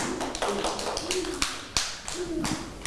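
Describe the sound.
Scattered, uneven hand claps from several children, moderately loud, with sharp individual slaps standing out over a busy background of young voices chattering; the class claps for a classmate at the teacher's request.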